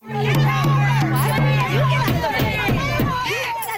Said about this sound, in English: When he arrived, about 50 peaceful protesters were outside, but by the time he left, the crowd had grown bigger and much louder.